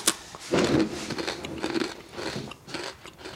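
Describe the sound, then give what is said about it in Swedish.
Someone bites into crunchy crispbread with butter and chews, a series of dry, crackly crunches with a sharp first bite, then irregular brittle cracking as the chewing continues, with no talking. “Barn är ju svårimponerade och knäcke är verkligen inte lätt att få dem att se storheten i”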